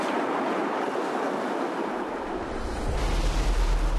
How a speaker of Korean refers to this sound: 미역 따는 게 되게 위험하네요. 네. 파도 안 칠 때는 괜찮은데, 이렇게 파도 치고. 오빠가 저렇게 파도 치는데 바다 들어가시면 불안하진 않으세요?